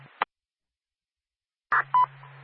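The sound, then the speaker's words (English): Short electronic radio dispatch paging tones: a brief burst, a pause of silence, then two quick beeps over a low steady hum, the second beep a clean mid-pitched tone. No one speaks. “Do you want another tone?”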